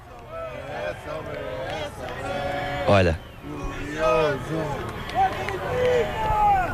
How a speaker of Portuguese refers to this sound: Vou deixar que ouçam esta magia. Olha, agora estavam todos a gritar Benfica e a bater palmas. Vai começar outra vez.